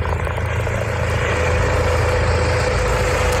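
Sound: rescue helicopter engine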